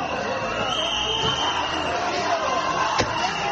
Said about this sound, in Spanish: Pero tengo que decirte que el ministro ha hecho estas declaraciones desde Ceuta, donde ha sido recibido con abucheos como estos.